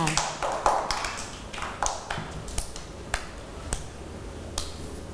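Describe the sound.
A group of children clapping for a classmate in quick, uneven bursts that thin out to a few scattered single claps, with soft voices murmuring underneath.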